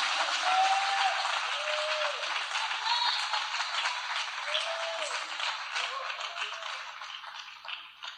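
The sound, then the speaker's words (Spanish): Dense, sustained applause from a large crowd applauding the Lord Jesus Christ, a steady wash of many hands clapping that holds for several seconds before slowly thinning out, with faint voices calling out beneath it. “Dele un aplauso más tremendo al Rey de Reyes y Señor de Señores.”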